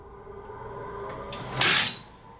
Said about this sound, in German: Also bereits vor der Tür hat man ja gehört, dass es knallt. Reicht das als Beweis, dass das Sprengstoff war? Es ist zumindest ein Beweis, dass es Sprengstoff ist, ein Stoff im Sinne des Sprengstoffgesetzes.